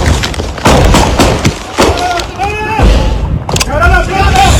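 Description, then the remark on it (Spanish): A handful of sharp, loud gunshots crack out at irregular intervals during a shootout in the Los Alpes neighbourhood of Ciudad Bolívar, while agitated voices shout over and between the bursts. “escuchen ustedes mismos los momentos de tensión y la balacera que se vivió en el barrio Los Alpes de Ciudad Bolívar”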